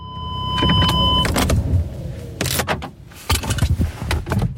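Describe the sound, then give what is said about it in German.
A car arriving at the Schennis airfield in Switzerland, under low clouds in light rain at about 12 °C: a steady engine hum with a power window whirring, then sharp clunks and rustling handling noises, like a door and movement around the vehicle. “Über der Lindebene hängen noch tiefe Wolken und es regnet leicht bei knapp 12 Grad, wo ich mit dem Auto auf dem Flugplatz Schennis ankomme.”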